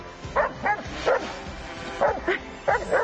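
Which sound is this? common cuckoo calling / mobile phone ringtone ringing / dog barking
dog barking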